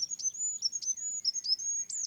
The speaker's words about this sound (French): Je pense aux animaux qui produisent des sons qui peuvent être un peu au seuil de notre perception. Des petits oiseaux comme le roitelet, par exemple.